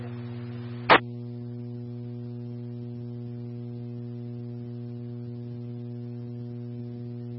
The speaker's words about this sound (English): Last unit calling out on 90, I was only able to copy static. Try again.